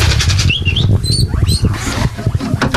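Guinea pigs squeak in short high-pitched chirps, several rising and falling whistles over a steady rustling and shuffling of small bodies moving about, with low background rumble throughout. They are among nearly 20 given-up or abandoned guinea pigs cared for at a rescue.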